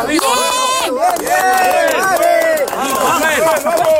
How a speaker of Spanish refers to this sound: Es el sonido de los rescates. Estas últimas horas se cumplen 11 días de ese doblete sísmico del que todavía seguimos viendo cómo va dejando más fallecidos y heridos.